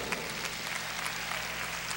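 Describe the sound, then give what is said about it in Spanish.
Steady audience applause for the musicians of the Sinfónica Nacional fills the moment: a dense, continuous patter of many hands clapping at a fairly soft level, with no voices over it. “Tocar con ellos es un lujo y fuerte aplauso para ellos.”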